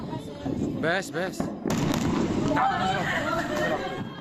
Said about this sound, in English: Four people have been injured after a massive explosion at a weapons depot in Syria.